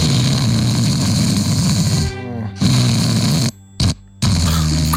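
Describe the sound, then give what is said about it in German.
Loud, rasping snoring rumbles on steadily, then cuts off into sudden gaps of near silence before the harsh snores resume, as if breathing briefly stops between them. “Diese Aussetzer, da denkt man, oh, ist alles gut. Menschliche Geräusche sind generell manchmal schwierig.”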